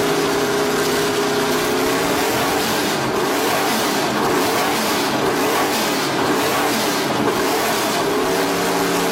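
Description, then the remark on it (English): A car engine revs loudly and steadily, its deep, throaty roar rising and falling in pitch with harmonic whine over a constant rumble, no voices present. “Just imagine if they knocked it into gear.”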